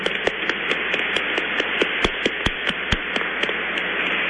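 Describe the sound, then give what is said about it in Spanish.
A church audience applauds Monsignor Benito Vázquez at the end of Mass. A dense patter of many hands clapping at once, with a few sharper, louder claps standing out, is sustained for several seconds with no voices. “Un aplauso para Monseñor Benito Vázquez.”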